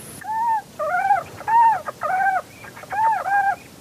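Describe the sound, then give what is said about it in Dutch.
Two birds, a mating pair, call back and forth in a rapid mating duet, a run of ringing, slurred mid-pitched notes in quick bursts with short pauses between phrases, clear and fairly loud with no talking. “paringsduet.”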